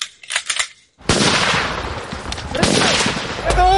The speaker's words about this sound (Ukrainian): А це вже титульний вишкіл штурмовиків 225-го полку «Вогнева підготовка». Вправа «Крию, йду». Бойові набої, димова завіса, злагоджене пересування. До бою!